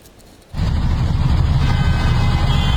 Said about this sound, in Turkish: Plakasını kapattı, kuralları hiçe saydı. Trafik güvenliğini ve çevredeki insanların canını tehlikeye attı. Ankara Kuzey Çevre Yolu'nda bir sürücü aracının plakasını kapatarak drift attı.